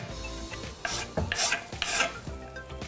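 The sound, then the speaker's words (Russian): A garlic and ginger mixture is scraped from a spoon into boiling water, making several short, bright scraping and splashing bursts over a low, steady simmering hum. No one speaks. “Смесь чеснока и имбиря я отправляю в нашу воду. Она уже закипела.”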